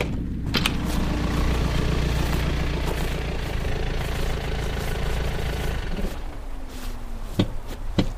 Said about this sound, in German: Da kommt ein Wagen. Das wird die Polizei sein.